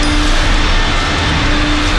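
A coin-operated car vacuum's nozzle and thick plastic hose, pulled onto the back seat, roar with a steady, loud whoosh and a constant low motor hum, while debris such as sand, dry Christmas tree needles and bread crumbs rattles irregularly through the hose. No one speaks.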